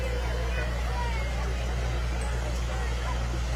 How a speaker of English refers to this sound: Awesome. And I'm sure rolling down the street is our first of many tractors here for we today. Go. We have a 1950 IH tractor.